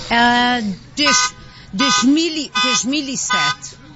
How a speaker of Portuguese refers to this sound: Temos aqui um carro que disparou o alarme. Também faz parte da festa.